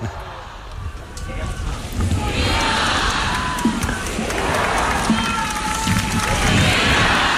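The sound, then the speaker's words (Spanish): A large crowd at Pope Leo XIV's closing Mass at the port of Santa Cruz shouts cheers for the Pope, a dense roar of many voices rising in waves with rhythmic chanted cries, loud and sustained throughout without a single voice standing out. “Pues vivas al Papa. León XIV cerrando esta última misa, recibiendo esos vivas.”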